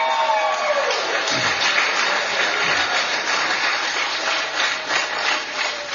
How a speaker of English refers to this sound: Y'all, I also want to thank my staff and all of our convoy captains out there. Y'all give us a round of applause for them.